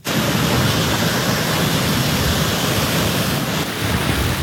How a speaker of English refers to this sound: A powerful storm is slamming millions on the U.S. East Coast, with fierce winds, soaking rain, and flash flooding.